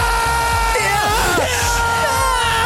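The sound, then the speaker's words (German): A loud crowd of Swiss football fans yells and cheers continuously, with rising and falling shouted voices and whoops layered over a dense, steady roar. “Team, ich wache durch Schreien von den Schweizer Nazi-Fans auf oder Team, ich schreie?”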